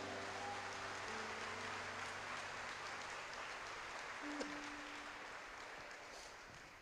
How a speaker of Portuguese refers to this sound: Será que tem alguém vivo aqui para dar uma glória a Deus? Então aplauda o Messias.